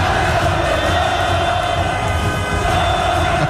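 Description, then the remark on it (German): Hundreds of football fans celebrating near Bahnhof Hartbrück in Zürich, where there are public viewings, after Switzerland's group win at the World Cup, make a loud, continuous roar of cheering and chanting that holds steady for a few seconds, with no single voice standing out. “Und apropos Fans, Watson berichtet von Ausnahmezustand in Zürich und zeigt in einem Video hunderte von feiernden Fans beim Bahnhof Hartbrück.”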